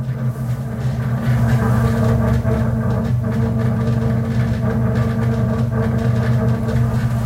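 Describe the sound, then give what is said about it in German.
A train rumbles steadily as it pulls away from Warsaw Stadion station (Warszawa Stadion), a heavy low drone with a constant hum and faint clattering on top, loud throughout with no one talking. “So, wir verlassen jetzt die Station Warschau Stadion.”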